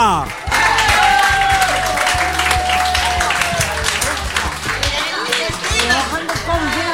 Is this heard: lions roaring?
no